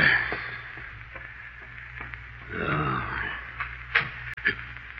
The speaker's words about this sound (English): Who closed that door? Who closed it?